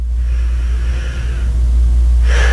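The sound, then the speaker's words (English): ChatGPT's synthetic voice, asked to help as a sleep aid, makes airy breathing sounds: a long, hissy inhale followed by a pause and the start of a sharper exhale, all over a steady low rumble, with no talking. “Is she breathing?”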